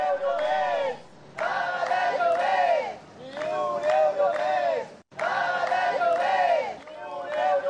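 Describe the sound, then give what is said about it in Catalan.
Protesters called by the Sindicat de Llogateres, blocking traffic on Avinguda Meridiana in Barcelona, shout in loud, rhythmic bursts, chanting slogans in repeated phrases with brief pauses between them, voices rising and falling together in a steady cadence. “Aquesta és la situació ara mateix a Barcelona, on manifestants convocats pel Sindicat de Llogateres estan tallant la circulació de trànsit a l'Avinguda Meridiana, però també es planteja tallar-la en altres punts.”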